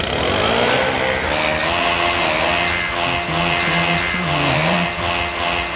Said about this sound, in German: Mit diesem SR1 Laubbläser-Song haben wir euch heute Morgen geweckt. Sorry dafür nochmal.